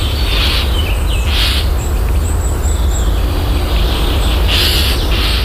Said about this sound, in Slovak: A on vie tú jasavú radosť zo života vyjadriť v speve. Čo všetko je v ňom zakliate. Vrúcna láska, túžba i neha, bolesť, žiaľ i zúfalstvo. Trblietavá radosť, veselosť a plnosť šťastia. Pravda, reč vtákov slúži predovšetkým na vzájomné dorozumenie.